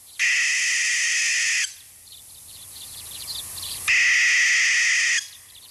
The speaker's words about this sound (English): That is an American barn owl.